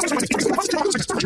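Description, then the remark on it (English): A burst of garbled, high-pitched chatter, a spoken advertisement for Superloop internet played at extreme speed, runs loud and unbroken for just over a second, its words blurred into squeaky gabble. “Hey, that sound you just heard was this ad at Superloop speed.”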